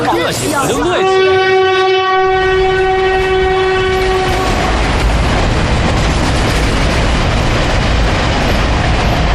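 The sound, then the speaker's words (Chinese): A loud, sustained train horn blares for a few seconds, then gives way to the steady rumble and rattle of a slow passenger train rolling along the rails. “我跟你说过了，不要坐这趟火车，你非要坐，你说说，这趟火车慢车，哎呀，站又多，人又杂”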